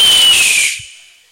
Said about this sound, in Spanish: Y sale el águila chiflando.